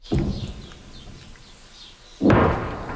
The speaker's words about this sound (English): Those distant explosions echo across the south as Israeli troops push deeper into the country to target Hezbollah strongholds.